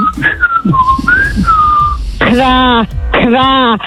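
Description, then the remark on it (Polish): A person on the way to work whistles a short, wavering tune as a morning wake-up call, followed by two loud, drawn-out vocal calls with a brief pause between them. “Może za gwizdę.”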